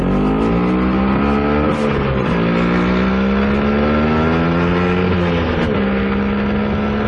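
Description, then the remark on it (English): An Italian Vespa scooter engine revs loudly and steadily, its buzzing pitch rising and dipping as it shifts gears while riding, continuous throughout with no voices. “Happy birthday to that beautiful Italian scooter, the Vespa.”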